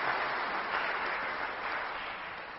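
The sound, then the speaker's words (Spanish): Steady applause from an audience at a church sanctuary, thanking two priests who served there, a dense wash of many hands clapping at a constant level for a few seconds before tapering off at the end. No one speaks over it. “Les pido, por favor, le demos un fuerte aplauso.”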